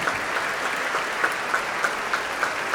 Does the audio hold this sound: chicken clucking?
no